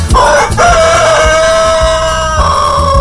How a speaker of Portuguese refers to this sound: Tá aí, seu Assilo, seu galo papudo, ó. Cantando bonito, cantando espichado aqui na nossa madrugada, né?